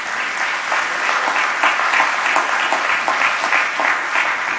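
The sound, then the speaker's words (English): A crowd claps together as a hand clap of praise to God, a steady, sustained burst of applause, dense overlapping hand claps at an even loudness throughout, with no voices standing out. “We ought to give God a hand clap of praise on that reality.”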